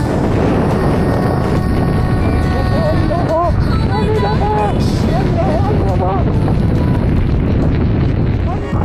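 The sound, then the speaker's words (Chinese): Hail pelts down in a dense, steady rattling roar mixed with gusting wind noise during a sudden storm that hit a motorcyclist on the road after setting off in sunny weather, while a person shouts excitedly through the middle stretch. “天气呢晴日的时候出发，转眼下起了冰雹”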